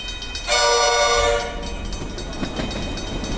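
A loud train horn sounds in one sustained, steady blast of about a second, then gives way to the rumble and clatter of a passing train. No one speaks.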